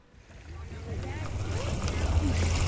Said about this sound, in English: Water gently slaps the shore of Trooper Island on Dale Hollow Lake in Clinton County.